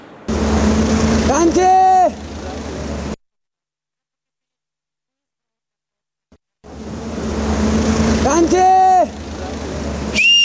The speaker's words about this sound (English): He whistles across the Trishuli, calling out to his family on the other side, and then he waves. Here in Devi Ghat, this is how people stay connected.